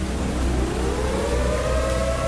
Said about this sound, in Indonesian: Nah, itu. Itu sirine, toh. Bapak dengar sendiri, tuh. Ya Allah, Damo Ella sudah jebol.